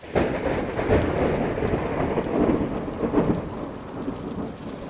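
Steady heavy rain hisses throughout while deep thunder rumbles roll through in swells, loud, with no voices.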